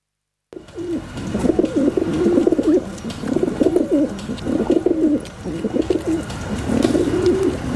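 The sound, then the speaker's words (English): Several feral pigeons coo in low, throaty, rolling bursts, fairly loud, the warbling calls overlapping and repeating almost continuously with faint background ambience. “The feral pigeon”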